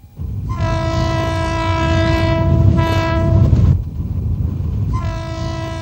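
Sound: train passing with horn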